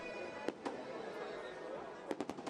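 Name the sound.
fireworks exploding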